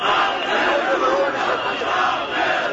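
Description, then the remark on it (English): A crowd of thousands protesting a resort deal in Tirana, Albania chants and shouts together, a loud, dense roar of many voices that holds steady throughout with no single speaker standing out. “Plastic replicas of the pink birds bobbed above the crowds in Tirana, Albania this week as thousands protested a resort deal they say has moved ahead with little transparency.”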